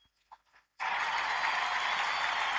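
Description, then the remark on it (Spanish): After a short near-silent pause, loud applause bursts in suddenly and keeps going as a dense, steady wash of clapping from a crowd, with no voices heard over it. “Bueno, basta de aplausos, che.”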